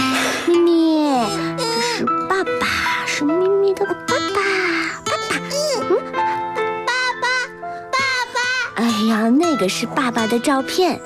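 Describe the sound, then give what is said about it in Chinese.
A baby girl wails loudly and continuously in rising and falling sobs, with her mother speaking over the crying at times to comfort her. “宝宝，宝贝怎么哭了？宝宝不哭了，妈妈抱抱。”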